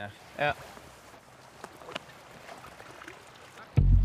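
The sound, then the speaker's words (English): Soft, gentle paddling of a boat on calm river water out of the current and along the reeds, with quiet drips and a few light splashes over a low watery hush, a brief voice-like sound early on and a louder thump at the very end. “Then you stick to the reeds the whole time. Then just keep still and paddle gently.”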